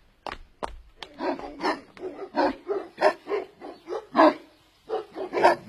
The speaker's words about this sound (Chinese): 警犬到了。 警犬要上楼？